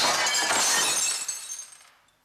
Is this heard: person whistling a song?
no